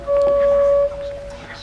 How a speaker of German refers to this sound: Mittags, als sie kamen, hat man die Hupe schon von fern gehört.